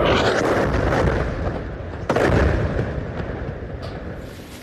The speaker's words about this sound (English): Well, this explosion ripping through a building in central Gaza, people said an Israeli strike hit this property when its owners were warned to leave the area.